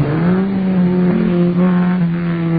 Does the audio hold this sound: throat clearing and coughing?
no